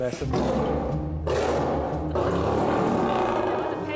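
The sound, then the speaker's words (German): A lion named Naju roars loudly in rough, growling bursts, with a brief break after the first second before the deep, rumbling roar surges again and carries on to the end. “Naju macht auch gerne mal viel Gebrüll um fast nix.”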